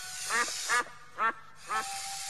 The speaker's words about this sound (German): Später gingen sie in den Entenhof. Die anderen Enten schimpften laut.